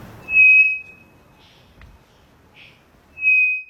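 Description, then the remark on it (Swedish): A three-wattled bellbird, thought to be in the Amazon, gives two loud, pure whistles held at an unchanging pitch, separated by a short gap with a few faint, softer notes, with no other sounds. “Det vi hör här, det är en treflikig klockfågel som jag tror sitter i Amazonas.”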